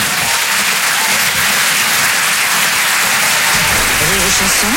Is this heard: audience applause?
yes